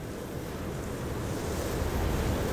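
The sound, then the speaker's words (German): Steady ocean surf rolls and washes continuously, a broad low rushing roar with wind blowing across it, even in loudness, no voices present. “Wenn man sich die Zeit nimmt, lauscht, sich auf die Töne und Klänge der Natur einlässt, hört man das Meer atmen.”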